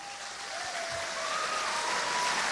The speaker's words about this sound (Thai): เราขอเสียงปรบมือต้อนรับพี่อนุชาประธานครับ